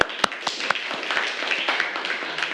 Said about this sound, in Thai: ถูกต้องปรบมือให้เพื่อนค่ะ